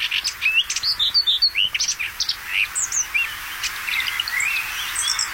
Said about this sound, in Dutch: Deze bosrietzanger van Dirk-Jan Saaltink bijvoorbeeld. Koud terug uit Oost-Afrika, neergestreken onder de rook van Rotterdam, zingt hij zijn lied.